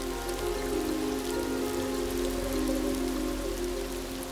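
Heavy rain from a brief, intense shower pours down steadily on parched, dry land near the coast, a dense patter of raindrops drumming on a surface with a constant low hum beneath, no voices present.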